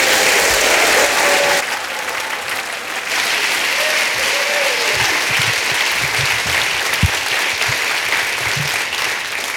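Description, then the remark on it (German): Loud, sustained applause from a large audience in Schwäbisch Hall welcoming a performer onto the stage, a dense wash of clapping that continues steadily for several seconds, with a few scattered cheers and no one speaking. “Ihr klatscht ihn bitte auf einer Woge des Applauses hier auf die Bühne, hier ist Joshua Vogelgesang!”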